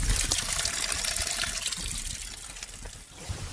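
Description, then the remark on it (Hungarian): Water from the Fancsik János spring, drinkable with a slightly raised iron content, trickles and splashes steadily for the whole stretch, a continuous bright, hissing flow with no pauses and no voices. “A forrást Fancsik Jánosról, a Salgótarjáni Kórház egykori főorvosáról nevezték el.”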